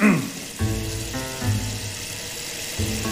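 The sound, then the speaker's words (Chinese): Water runs steadily from a sink tap while washing is under way, a continuous hiss throughout, while short bursts of a voice come and go over it. “别，我这都洗上了，你顺手的事儿。”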